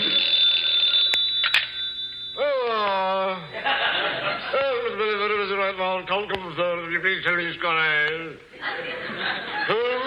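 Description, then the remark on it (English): An old-fashioned telephone bell rings briefly at the start, then gives way to a long stretch of hearty audience laughter and chuckling that rises and falls. “He even puts on his coat to answer the phone.”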